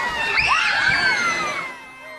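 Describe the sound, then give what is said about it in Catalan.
A lively crowd of adults and children shouts, laughs and cheers together outdoors in the village square of Fouillà during an evening festivity for the feast of Sant Eulàlia, a dense, continuous wash of overlapping voices with excited high-pitched cries rising above, easing slightly toward the end. “Tothom, grans i mainatges, eren reunits a la plaça en una vellada d'esbargiment, enmig de força crits i rialles.”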